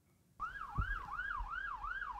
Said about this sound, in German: Eigentlich darf er die Sirene gar nicht einschalten, aber auf abgelegenen Straßen macht Dariusz Marcinkiewicz das manchmal. Mit dem New Yorker Streifenwagen quer durch Westpommern.